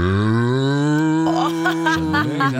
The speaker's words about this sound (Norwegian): Jeg bare ikke tal over en kam, det finnes forskjellige kuer også. Nå hadde du den kuen, så har du mer sånn desperat ku, ikke sant? Og så har det kul ku.